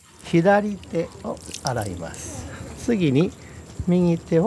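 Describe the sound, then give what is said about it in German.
Water trickles and pours steadily from a spout into the stone basin of a roofed well at a Shinto shrine, used for purification before prayer; a soft continuous splashing beneath a voice talking over most of it. “Hier haben wir schon das zweite schöne Geräusch vom Shintoismus, nämlich das Wasser, das fließt.”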